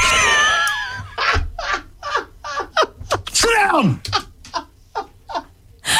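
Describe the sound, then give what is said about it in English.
A dog makes a loud string of short, yelping barks during a Star 102.7 radio show, in a quick uneven rhythm, with a drawn-out whine that slides downward in pitch partway through. No one speaks. “Sorry. It's a dog.”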